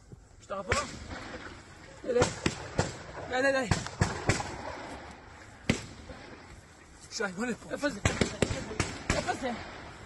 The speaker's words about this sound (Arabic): ننوه إلى هذه الصور التي يبدو أن أحد المستوطنين هو من صورها أثناء حادثة إطلاق النار. إذن في مستوطنة نيفيتسوف يظهر أحد المستوطنين وهو يختبئ، ونسمع أصوات إطلاق النار.